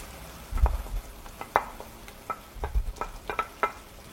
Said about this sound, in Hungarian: Kicsit kevergetjük a hagymát, ugye le ne égjen. És ha üvegesre párolódott, akkor hozzá rakhatjuk a tofut.